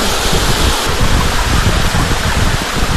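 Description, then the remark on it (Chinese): Steady, loud rushing of water flowing down from a mountain stream at a waterfall in a scenic area in Hebei, China, a dense continuous roar with no pauses and no voices. “哇，这是平潭上面 哦，这是 从山涧流下的这个水， 陶然湖瀑布，这是我们说的最大的那几瀑布，就在这儿。”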